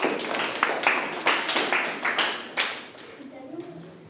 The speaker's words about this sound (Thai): เก่งมากๆเลยปรบมือให้เพื่อนหน่อยครับ